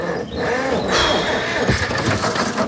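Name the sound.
tractor engine starting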